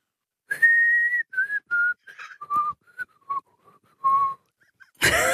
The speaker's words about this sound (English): why don't you whistle something at me and I'll see if I can figure out what it is